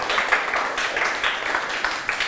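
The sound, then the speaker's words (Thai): A group of students clapping for themselves after answering a question correctly, a dense, steady patter of many hands lasting a couple of seconds at moderate loudness, with no voices over it. “ถูกต้องนะครับปรบมือให้ตนเอง”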